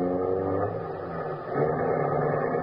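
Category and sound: vehicle, car engine driving away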